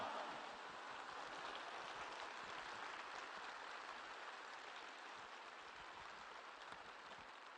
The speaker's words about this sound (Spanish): Si te está cambiando la actitud, si te está cambiando tu mentalidad acerca de Jesús, acerca de la Eucaristía, dale un fuerte aplauso al Rey de Reyes y al Señor de Señores. ¡Pero que se oiga!